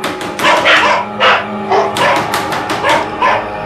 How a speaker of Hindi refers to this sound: कहीं से श्वान का एक जोड़ा भौंकता हुआ सामने आ गया।